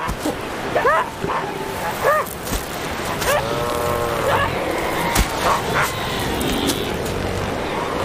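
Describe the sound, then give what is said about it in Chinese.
Southern elephant seals in Argentina, where they come to breed, bark in short, harsh, tonal bursts, several calls coming irregularly over a steady rushing background, with one longer, drawn-out cry in the middle. “成年雄性南向海豹很容易辨认，它们长着标志性的鼻子，而且脾气火爆。”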